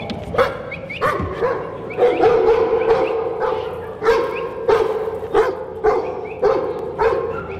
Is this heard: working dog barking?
yes